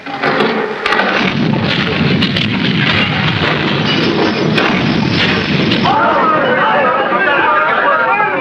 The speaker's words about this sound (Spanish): Ay, qué temblor. La casa se está desplomando.